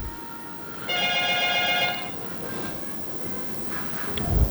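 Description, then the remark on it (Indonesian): A WhatsApp call ringing tone sounds once, a bright, buzzy electronic tone lasting about a second over low background hiss, followed by quiet with faint rustling. “Ih, kenapa nah tidak ada suara nih di telepon WA?”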